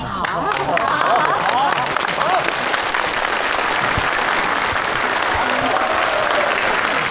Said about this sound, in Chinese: 那我们接下来用热烈的掌声，有请